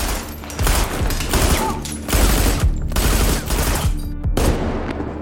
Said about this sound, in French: Les 7 meurtriers tirent frénétiquement plus de 300 coups de feu.